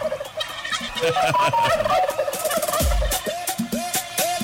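A turkey gobbles loudly, a rapid rattling warble repeated in several bursts across a few seconds, with no voices alongside it.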